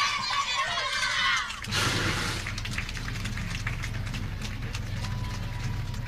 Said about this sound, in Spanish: Fuertes los aplausos para la unidad educativa Presidente Velasco.